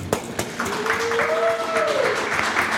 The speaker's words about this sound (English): And they clap.